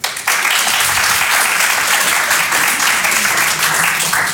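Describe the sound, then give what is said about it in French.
Audience members at a show who are older brothers or older sisters break into steady applause when asked, a dense wash of many hands clapping loudly and evenly for several seconds without any voices on top. “Par applaudissement, il y a des gens qui ont le statut de grand frère ou de grande sœur ce soir.”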